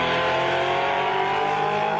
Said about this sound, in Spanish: Hay sonido. Y el sonido es de motor. Y el motor es de Sergio Musto.